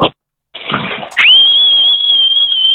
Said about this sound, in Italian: Io invece vorrei aggiungere a quella sfida lì i decibel, cioè chi fischia più forte, perché io spacco di brutto, cioè proprio no. Cioè, facci sentire, prova a farci sentire il tuo fischio.